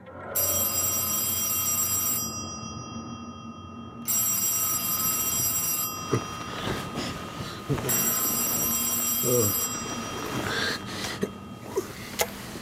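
An old-fashioned telephone bell rings in three long bursts separated by short pauses, loud, followed by faint rustling and a breathy stir near the end; a call from an assistant doctor at about 12:30 on a clear November night in 1931.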